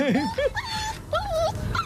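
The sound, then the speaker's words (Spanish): A dog whimpers in distress, a series of high, wavering whines rising and falling over two seconds, clear with no talking. “Pues está sufriendo este.”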